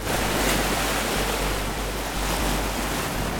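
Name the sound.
ocean waves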